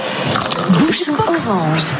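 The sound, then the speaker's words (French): Champagne pours and fizzes into a glass with bubbly, trickling sounds, fairly loud, while voices murmur underneath. No distinct cork pop stands out. “On fait sauter le bouchon suivant.”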